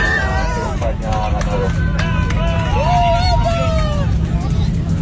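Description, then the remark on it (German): A packed plane cabin of Argentinian football fans shouts and cheers over a steady low engine drone, with excited voices rising and overlapping throughout. “Ja, so schnell habe ich, glaube ich, noch nie gehört, dass Jubeln wieder aufgehört hat.”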